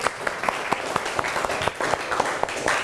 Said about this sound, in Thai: ก่อนอื่นเราปรบมือให้กำลังใจเพื่อนหน่อยเร็ว